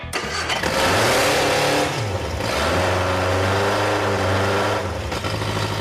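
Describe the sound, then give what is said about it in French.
A car engine, just given a final adjustment, roars steadily, its pitch rising and falling as it revs up and back down, loud and continuous with no voices. “J'ai l'impression que ce moteur va être un peu trop puissant pour cette voiture.”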